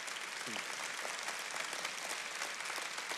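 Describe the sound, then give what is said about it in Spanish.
A church audience applauds steadily during a morning sermon, a dense wash of many hands clapping at an even level throughout, with a brief murmur of voices early on. “Sí, si quiere aplaudir, apláudalo.”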